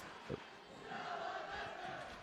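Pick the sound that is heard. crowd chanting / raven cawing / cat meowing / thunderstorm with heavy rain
crowd chanting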